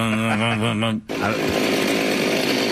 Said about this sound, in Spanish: Ok, ahora lo voy a copiar y esto lo vamos a pegar muchas veces. A ver, el... Y va a parecer una motosierra. Vamos a escuchar primero la motosierra.